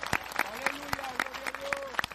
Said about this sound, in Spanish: Dele fuerte ese aplauso si es para el Señor, iglesia.